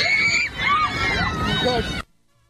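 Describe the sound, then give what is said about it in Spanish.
Airplane passengers screaming and shrieking at once, loud, several high voices overlapping in a frantic din for about two seconds before cutting off abruptly into silence, as the plane drops more than 5 kilometers within minutes. “Muchísimo, más de 5 kilómetros en cuestión de minutos, entre gritos de los pasajeros.”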